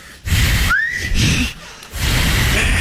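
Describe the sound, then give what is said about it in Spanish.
Three breathy blasts of air as someone tries to whistle with the tongue curled back and pressed, blowing through the channel it forms. Mostly airy hiss, with only a brief thin rising squeak of tone in the second attempt. “Escucha, con los dos dedos y los dos dedos, con los cuatro dedos, la lengua la doblan para atrás, la doblan. Y la presionan. La tengo doblada. Escucha, ahora presionando, ahora soplan en ese canal, en el hueco que les queda.”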